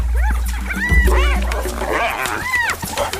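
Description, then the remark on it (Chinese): A pack of African wild dogs whimper and squeal in a scuffle with two spotted hyenas over prey, with repeated high, rising-and-falling whines overlapping each other above a steady low rumble, fairly loud throughout. “他们都在努力争抢猎物。现在非洲野犬落入下风。”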